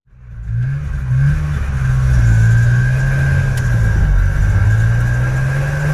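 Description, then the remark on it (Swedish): The engine of a motorcycle with a sidecar fades in and settles into a steady rumble, its pitch rising and dipping slightly as it revs. No one speaks. “De flyttade med motorcykel som hade en sidovagn och körde via Sverige sen.”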